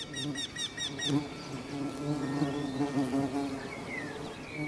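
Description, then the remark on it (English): Bees buzz steadily among the blossoms of old orchard trees around a bee hotel, a low droning hum with overlapping wingbeats, while a few faint bird chirps flicker in the background. “The old orchard trees have catered to generations of bees and depend on their services.”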